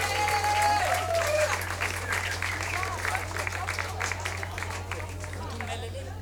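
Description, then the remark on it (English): A concert audience applauds a young drummer and percussionist, a dense wash of many hands clapping at once, loud and sustained throughout with a low hum underneath and faint voices mixed in. “Give him another hand of applause, ladies and gentlemen.”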